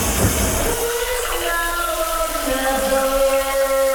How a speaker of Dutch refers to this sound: Oh, alleen dat geluid al van die douche doet me goed, zeg maar. En er wordt er ook nog onder gezongen, dat is helemaal geweldig.